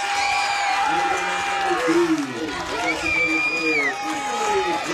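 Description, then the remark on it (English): The home Gales crowd cheers loudly and steadily for several seconds after an RBI single puts the Gales back ahead 13-12 in a softball game, with piercing whistles and excited shouts rising above a dense roar of voices. “That sets off the Gale crowd to my right as Ulrich reaches.”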